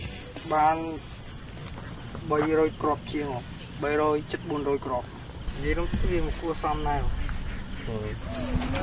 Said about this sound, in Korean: 그런데 이때 논으로 들어오는 오토바이 한 대. 오늘 수확한 오리알을 사가기 위해 온 상인입니다.